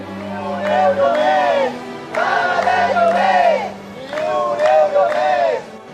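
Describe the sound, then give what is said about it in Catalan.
Members of the tenants' union chant in unison while blocking streets in Barcelona at 8 in the morning, calling for housing protection: loud rhythmic bursts of shouted slogans repeating roughly every two seconds, with a low steady hum underneath. “Amb proclames i crits en favor de la protecció de l'habitatge, membres del sindicat han fet talls durant uns 15-20 minuts, tot i que han tingut certa afectació, tenint en compte que era a primera hora del matí, a les 8 del matí,”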